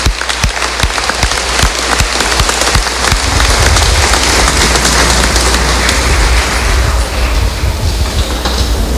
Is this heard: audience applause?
yes